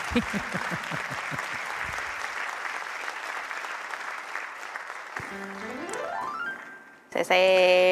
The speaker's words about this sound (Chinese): 谢谢 啊，感谢大家啊，感谢大家满满的掌声呐、啊，啊！